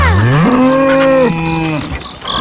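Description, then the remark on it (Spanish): A cow on a farm gives a long, loud, drawn-out moo of alarm that rises and then falls in pitch, with faint insect chirping in the background. “Ahora, los sonidos de todos los animales se convirtieron en una verdadera alarma.”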